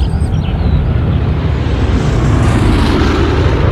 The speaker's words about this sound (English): Look, Mummy, there's an airplane up in the sky.